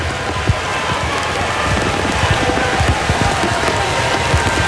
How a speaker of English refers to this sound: You don't see a game played much in Major League Baseball when it's raining this time. This is unreal.